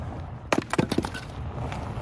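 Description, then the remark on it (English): Firewood crackles as it burns: a quick cluster of four or five sharp, snapping pops in the first half, then a low, steady hiss with only faint ticks. “Talk about crackle.”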